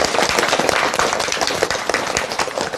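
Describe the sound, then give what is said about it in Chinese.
A class audience welcomes Professor Yao Xishuang of the Communication University of China to a lesson on Su Shi, clapping together in a dense, steady burst of applause, many hands crackling at an even loudness for a few seconds with no voices over it. “今天这节课我们很高兴啊，为大家邀请到了姚喜双教授，我们掌声欢迎。”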